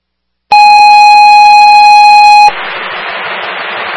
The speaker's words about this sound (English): Fire shift alarm. A2 engine 1. Or A1 engine 2. 11 Maria circle for the cardiac. At the A1 engine 2, 11 Maria circle for the cardiac, 709.